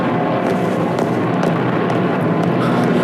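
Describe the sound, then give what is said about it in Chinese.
Japanese bomber aircraft roar overhead on another raid to bomb the bridge, in a loud, steady engine drone that fills the whole stretch without pause, heavy, with no voices. “鬼子的飞机又来炸我们的大桥， 恐怕今天晚上又会有人受伤。”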